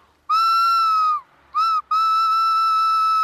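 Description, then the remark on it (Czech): A whistled imitation of a male tawny owl's hoot, made to show children how to identify the owl: a long steady note, a brief pause, a short note, then a long sustained note, loud and clear with no talking. “Právě ti puštíci se nám ozývají.”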